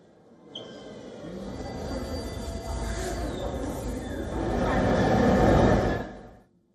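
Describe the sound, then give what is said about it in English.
Busy underground metro station in Kyiv, Ukraine, used as a shelter from explosions: a train rumbles steadily, swelling louder toward the end before cutting off, with a murmur of voices in the background as residents with children and pets take shelter. “More than a dozen explosions were heard in central and eastern Kiev as residents with children and pets rushed into metro stations being used as shelters.”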